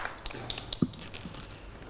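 Children clap at a teacher's request for a classmate's crayon drawing of an ice cream: a few light, sharp claps land in quick, even succession, then fade into a quiet background hum with no one speaking.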